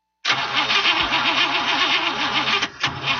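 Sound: car engine starting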